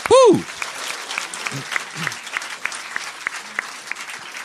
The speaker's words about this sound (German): Diese Menschen bekommen jetzt einen ganz großen Applaus. Das ist unsere Jury für die Vorrunde.